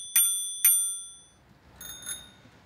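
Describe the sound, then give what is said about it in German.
A small, broken metallic bell rings, two bright, sharp dings with ringing decay, followed by a softer, shorter pair of rings, with no voices. “Kleines Klingelkonzert.”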